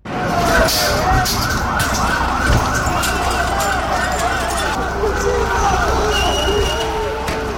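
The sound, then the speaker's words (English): A dense roar of shouting from thousands of student demonstrators fills the street outside the Prime Minister's residence in Tirana, Albania, met by police with tear gas and water cannon, while several wailing sirens rise and fall over one another, loud and unbroken throughout. “This was the sound outside the Prime Minister's residence.”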